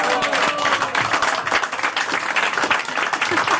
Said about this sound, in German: Also liebe Damen, liebe Herren, geben doch eurer Präsidentin mal einen richtig schönen Applaus.